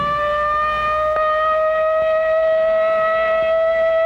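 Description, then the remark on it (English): A loud civil defense air raid siren sounding in a practice drill wails in a steady, sustained tone with strong harmonics, holding its pitch throughout with no voices present. “But tomorrow, this siren may mean the real thing.”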